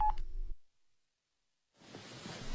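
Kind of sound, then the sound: signal or alarm, telephone hang-up tone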